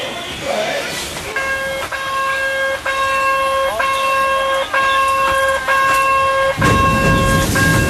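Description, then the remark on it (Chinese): A vintage forest train horn toots in a steady series of loud, evenly spaced blasts, followed by the low rumble of the train, full of residents and tourists, pulling away in a national forest park. “我们到达时，一列满载市民和游客的森林小火车即将发车。”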